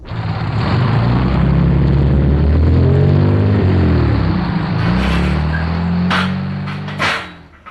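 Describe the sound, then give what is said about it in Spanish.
A Mercedes car engine rumbles loudly in an alley, its pitch rising and shifting as the car rolls up, then settles into a steady idle with a few short clunks near the end. “Chis, qué cachimbo de gente la que viene en ese carro.”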